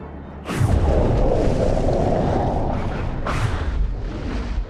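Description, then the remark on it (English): A large methane gas bubble bursts out of the seabed, creating a volcano of methane gas, with a deep rumbling boom, followed by a sustained churning roar and a second sharp burst near the end. “A large bubble bursts out of the seabed, creating a volcano of methane gas.”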